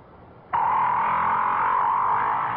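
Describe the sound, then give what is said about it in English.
A whale's grunting call, deep down in the ocean, starts abruptly after a moment of quiet and holds as one loud, buzzy, sustained tone, steady, with no talking. “Because each sound was made by a whale.”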